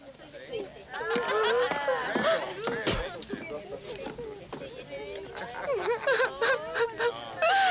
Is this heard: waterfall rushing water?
no